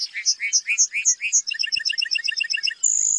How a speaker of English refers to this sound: During the summer breeding season, North America's Great Plains come alive with birdsong. Among the most memorable is the lark bunting, whose serenade is complete with costume and choreography.